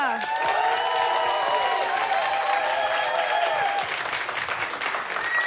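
A live audience breaks into sustained applause with cheering and whooping voices, loud and close, lasting several seconds before tapering slightly at the end.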